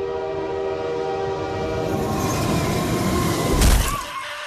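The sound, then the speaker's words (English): A train sound effect on the radio show Lowy Live on KISS: a train rumbles with a steady, blaring horn held throughout, its low rolling rumble building toward a loud burst near the end before easing off. “Damn, we didn't have to go that hard on the sound effect.”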